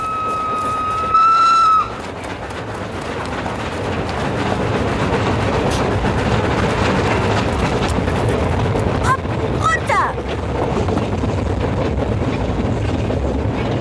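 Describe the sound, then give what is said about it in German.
A train whistle sounds one loud, sustained blast at the start, then the heavy, steady rumble of a passing train fills the rest, with a voice calling out briefly over it. “sprangen auf die Eisenbahn”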